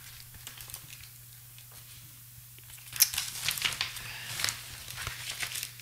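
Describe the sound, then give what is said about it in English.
Paper rustling and crinkling as someone searches a desk for a small piece of paper, quiet and sparse at first, then louder and busier from about three seconds in as sheets are shuffled and handled, over a steady low electrical hum. “And I had another little piece of paper here somewhere.”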